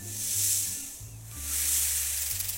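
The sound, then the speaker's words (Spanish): A snake hisses twice in long, breathy bursts, each swelling and fading over about a second, with a low tonal hum sustained underneath. “Mejor interroga a la serpiente.”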